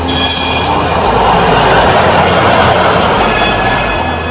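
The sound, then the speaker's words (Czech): A horse-drawn tram pulled by a white horse sets off along rails toward Marijin Dvor from Ferhadija, in a steady, loud rumble, with thin metallic whines rising at the beginning and again near the end. Nobody speaks. “Zvonce je oglasilo polazak i brkati tramvajđija Johan Hanke potjerao je svog bijelca po šinama”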